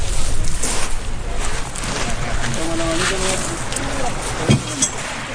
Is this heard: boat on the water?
yes